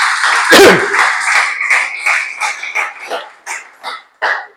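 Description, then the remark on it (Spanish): A church audience claps for the Lord during a sermon in a steady, dense wash of applause that thins out toward the end, breaking into a few scattered, separate claps before stopping. “Dale ese aplauso al Señor, que estén muy serios.”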